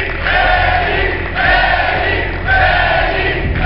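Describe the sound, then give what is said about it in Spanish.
A large crowd of Morena party supporters in Mexico shouts and chants together at an event presenting the party's coordinators, in loud, rhythmic bursts, with swelling waves of voices repeating roughly every second and a steady roar underneath. “Así gritaron los morenistas el día de hoy en más destapes de sus coordinadores del partido Morena.”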